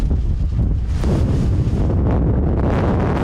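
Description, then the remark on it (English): Powerful gale-force wind, hitting force 11 amid wildfires, roars and buffets the microphone without pause, a loud, dense rumble with gusty surges throughout and no voices. “And with winds hitting force 11, tackling the flames has become terrifyingly dangerous.”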